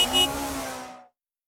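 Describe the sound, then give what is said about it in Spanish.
A CF Moto Dual 230 dual-sport motorcycle engine revs hard in a brief, loud burst with a rising buzzy whine, lasting about a second before cutting off abruptly into silence. “La nueva Dual 230 de CF Moto combina potencia, diseño agresivo y versatilidad en cada recorrido.”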